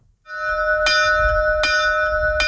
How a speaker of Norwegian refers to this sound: Gardsklokka kling like godt i dag som for snart 200 år siden.